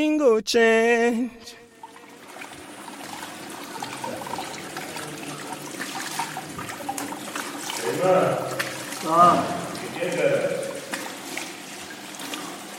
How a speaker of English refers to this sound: Water sound.